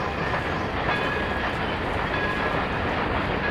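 A steady, dense clatter of a toy train rolling along its tracks, continuous and fairly loud throughout with a faint high whine on top, and no voices.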